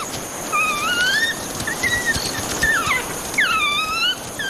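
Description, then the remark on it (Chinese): A pack of about 17 African wild dogs making begging calls for food, excited by the smell of blood on one dog's neck: a chorus of high, thin squeals and twittering whines, rising and falling in pitch, overlapping continuously over a steady background hiss. “这只非洲野犬脖子上沾染的血腥味儿，让群体里的成员兴奋不已，不断发出讨食的叫声。”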